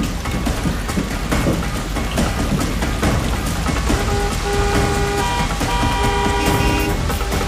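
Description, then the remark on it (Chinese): Car horns honk in long, overlapping blasts over a dense wash of traffic noise in a traffic jam, starting partway through and continuing to the end, with several horns sounding at once. “怎么堵车了呀？”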